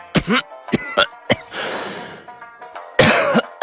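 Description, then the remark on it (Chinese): A man gives several short, throaty coughs in quick succession after drinking a strong drink, followed by a raspy exhaled breath and a final pair of sharper coughs, fairly loud with no talking. “这次他顺从地喝了下去，接着微微咳嗽了一下。”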